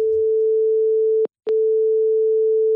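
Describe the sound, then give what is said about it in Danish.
A steady, single-pitched telephone tone hums at moderate volume as a call goes through to the communications and campaign chief at Realdania, briefly cut off by a couple of sharp clicks before resuming. No one speaks. “Jeg ringer til formidlings- og kampagnechef i Realdania”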